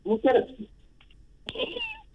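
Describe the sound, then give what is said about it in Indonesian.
A person imitates a cat's meow twice, a short wavering mew followed after a pause by a longer, higher, drawn-out meow, fairly loud with no other sounds around. “Kedengar kucing tu.”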